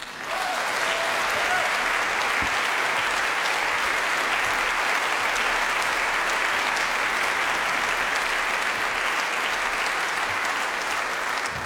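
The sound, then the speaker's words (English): Steady, dense applause from an audience fills the whole clip as the guitar player of a band is invited on stage, a loud continuous wash of clapping with no pauses and no one speaking over it. “Big applause.”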